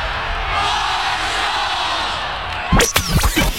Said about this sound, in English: The Thunder Walk, the tailgates, the roar of the crowd, 30,000 strong cheering on the thundering herd, and it's almost game day.